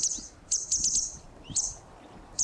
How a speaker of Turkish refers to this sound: Ben şimdi bunu benzettiğim sesi çalacağım. Şimdi kuşun aslı bu, yani Akkuyruk Sallayan'ın sesini çalıyorum.